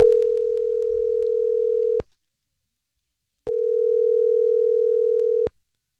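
A phone line ringing out as a call is placed: two steady, low electronic ring tones, each about two seconds long, separated by a pause of silence, clear with no voices.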